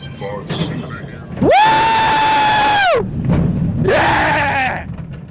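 Two loud, high-pitched screams from people on a roller coaster going around a loop-de-loop, recorded for BBC World Service's Crowd Science. The first is long and sustained, the second shorter and wavering, over a steady rumbling background.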